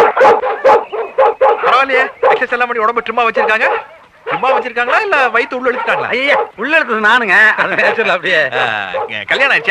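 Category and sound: animal, dog barking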